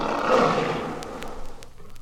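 A lion lets out a single loud, deep roar that swells in the first half-second, then rumbles and trails off over the next couple of seconds, heard on its own.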